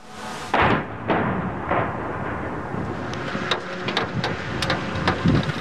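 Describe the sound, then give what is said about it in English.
Russian missile and drone strikes hitting Kyiv, Ukraine, overnight: a few heavy, booming blasts in quick succession, then a continuous rumbling roar scattered with sharp cracks and pops, with no voices. “The sound of missiles and drones striking Kyiv overnight.”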